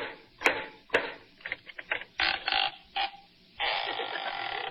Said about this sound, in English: How do you do, gentlemen? Did you ring? No, I knocked. I thought I heard you whistle.